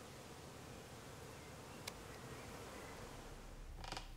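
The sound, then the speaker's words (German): A soft, steady drone of many honeybees buzzing around a queen bee as she is collected with a few escort bees, with a single sharp click partway through and a brief rustling scrape near the end. No one speaks. “Die kann ich dann jetzt mit ein paar Begleitbienen einsammeln.”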